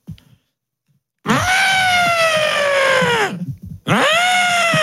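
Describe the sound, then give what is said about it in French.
A person imitates an elephant with a loud, drawn-out trumpeting wail that slowly falls in pitch, then breaks off briefly before a second blast starts. A soft breath comes before it. “Tu sais faire l'éléphant?”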